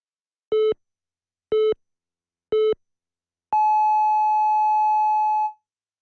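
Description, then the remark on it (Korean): The 2 o'clock hourly time signal of the Korean news channel YTN News FM (FM 94.5 MHz): three short, evenly spaced electronic beeps, one per second, followed by a longer, higher sustained tone lasting about two seconds, all clean and loud with no voices. “한국의 뉴스 채널 YTN 뉴스 FM에서 2시를 알려드립니다.”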